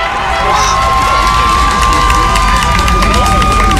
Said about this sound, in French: Mobilisés depuis environ 6h30, près de 230 élèves se sont rassemblés devant l'établissement, slogans scandés et pancartes à la main.